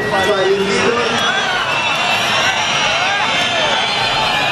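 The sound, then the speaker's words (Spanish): A large crowd boos and jeers Marlaska at the swearing-in of a new promotion of Guardia Civil officers in Abaza: a dense, steady roar of many voices with shrill whistles and shouts rising above it, loud and unbroken throughout. “Este es el abucheo que esta semana hemos escuchado varias veces, porque es llamativo.”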